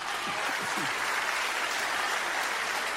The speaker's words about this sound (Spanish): Dar un aplauso a Dios.